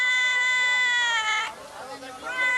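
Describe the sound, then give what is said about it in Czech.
A long, drawn-out meow from a cat up on a shelf in a shop, followed by a brief rough pause and the start of a second plaintive meow. “Dělá kočka v krámě. Tamhle je, nahoře na polici.”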